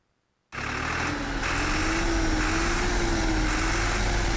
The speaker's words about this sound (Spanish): Señor presidente, aquí está el tractor que usted nos dio. Está trabajando.